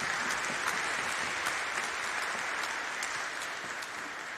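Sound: audience applause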